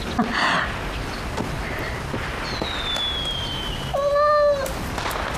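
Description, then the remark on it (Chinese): A cat named Hertz gives a single short meow near the end, clear, over a steady hiss of background noise with a faint high whine drifting beforehand. “哟，这猫好漂亮啊。”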